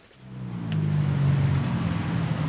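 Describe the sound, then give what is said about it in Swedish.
Cars and small motorcycles whizz past on a hot, busy street in blazing sun in Bangkok's Chai Kwang district, Thailand, a loud engine drone swelling up quickly and holding steady amid constant traffic noise, with no one talking. “Bilar och små motorcyklar susar förbi på Bangkoks heta gator.”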